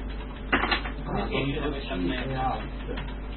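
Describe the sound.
Computer keyboard keys clatter in quick, uneven bursts, with someone talking quietly underneath.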